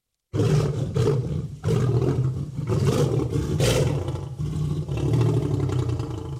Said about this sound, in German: Oh, das klingt gefährlich, oder? Das ist ganz klar ein Raubtier. Aber welches? Bestimmt kommt ihr drauf. Na klar, das ist ein Löwe. Nur ein Löwe kann so gefährlich brüllen.